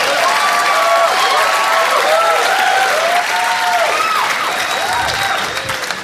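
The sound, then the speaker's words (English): A large theater audience at a stand-up comedy show claps loudly and steadily for about six seconds as the comedian takes a drink, with scattered whoops and cheering voices rising above the dense applause before it starts to thin at the end. “You don't have to clap every time I take a drink.”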